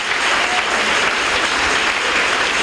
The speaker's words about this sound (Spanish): Ahora sí, dale un buen aplauso a tu Dios, porque Él murió en la cruz para que seas bendito.